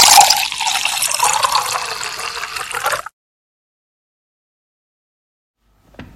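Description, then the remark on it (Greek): Water gushes steadily from a tap for about three seconds, a loud hiss that stops abruptly, followed by silence and a faint sound at the very end. “Κλείνουμε τη βρύση όταν πλένουμε τα δόντια μας. Κλείνουμε τη βρύση όταν σαπουνίζουμε τα χέρια μας.”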